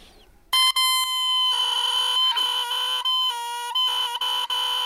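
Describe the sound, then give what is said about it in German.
A bare oboe reed, a mouthpiece the oboist carves from cane shaved very thin so it vibrates between the lips, blown on its own gives a loud, buzzy, crowing squeak like a rooster, a sustained nasal tone with bright overtones that wavers and briefly breaks off a few times, with no voices. “Sie schnitzen Schilfrohr so hauchdünn, dass es zwischen den Lippen schwingen kann.”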